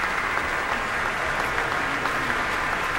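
Sustained applause from a large audience at an outdoor concert at the Pritzker Pavilion as a violin soloist takes a solo bow, a dense, steady wash of clapping at even loudness throughout, with no voices standing out.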